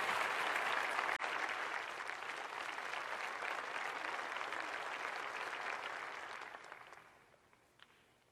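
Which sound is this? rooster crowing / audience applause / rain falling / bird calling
audience applause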